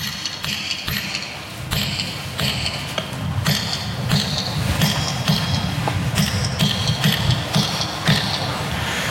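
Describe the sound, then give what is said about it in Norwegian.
Sharp metallic clinks from a metal hammer striking a chisel into stone, the same stone Nidaros Cathedral is built of, repeating at a steady, unhurried rhythm about once a second, over a low background rumble. “Ja, og hammer og meisel, og den gangen har vi litt metallhammer, og vi kan prøve litt.”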